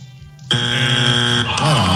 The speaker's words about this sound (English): Bones, give me alarm clock.